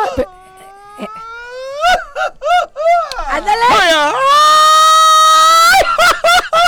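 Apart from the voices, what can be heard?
mariachi grito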